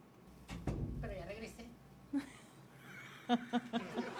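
A door at a radio station is opened and shut with a dull thump and some rattling as someone leaves, followed by scattered higher-pitched vocal sounds and short bursts that continue after it.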